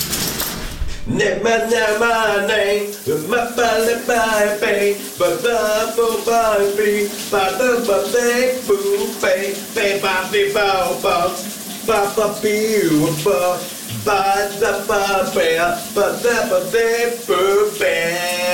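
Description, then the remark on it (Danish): A man, a colleague of a VLR radio host, sings the day's shower song loudly and continuously over the steady hiss of shower water running the whole time, his melody wavering and muffled in the spray. “Han er en underholdende mand, og han skal synge dagens brusebadshit for dig lige nu.”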